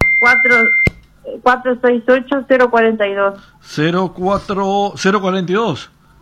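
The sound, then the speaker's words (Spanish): A steady, high electronic tone like a fax signal sounds on a phone line for about a second beneath a voice, ends with a sharp click, and then people keep talking. “Parecía que hay un fax ahí metido.”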